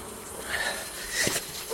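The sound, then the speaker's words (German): Wasps buzz steadily, a dense droning hum with wavering pitch and a few louder swells as individual insects pass. “Wespen.”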